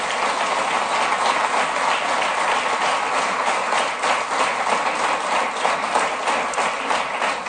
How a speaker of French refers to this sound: Je pense qu'on peut tous les applaudir pour leur élection ce soir.